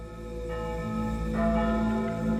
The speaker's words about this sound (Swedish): Det är tidig morgon, söndagen den 2 augusti. Och Anna är ledig från fabriken när hon hör kyrkklockorna. De ringer nu över hela Sverige för att meddela den tunga nyheten om att första världskriget har brutit ut.